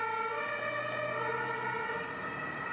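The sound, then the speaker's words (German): An ambulance siren sounds loud, a continuous, steady wail with bright harmonic tones and no break, with no one speaking over it. “Seine Ehefrau reagiert richtig und ruft sofort den Rettungswagen.”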